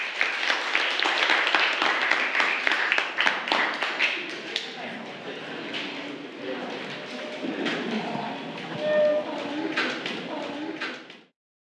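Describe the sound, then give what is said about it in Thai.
Classroom applause for a student representative coming to the front of the class: a group claps briskly and loudly for a few seconds, then the clapping thins into scattered claps while chattering voices take over. “ปรบมือให้กับเพื่อนตัวแทนด้วยค่ะ”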